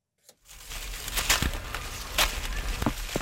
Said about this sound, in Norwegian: Oi, der datt det ned et også, det beklager. Lyden av fallende epler ganske fint. Ja. Her var det faktisk et epletid. Vi stender under et av de to store gamle epletreene I en hage på Slemdal I Oslo.